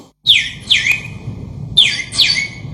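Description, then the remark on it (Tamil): Sparrow chirps, four sharp, bright calls arriving in two pairs, each quickly dropping in pitch, heard clearly over a low, steady background rumble. “ஏ குருவி குருவி குருவி, ஏ குருவி, சிட்டுக்குருவி.”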